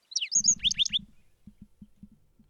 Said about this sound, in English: Each of these measures would help sustain the black-throated sparrow's gentle song.